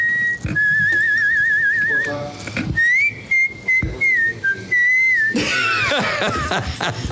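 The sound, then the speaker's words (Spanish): A person on the program Buenos Días Deportes whistles in imitation of a goldfinch's song: a quick warbling trill, then longer steady high notes that bend and slide, ending in a busier, noisier flurry of chirps. “Parece jilguero cantando.”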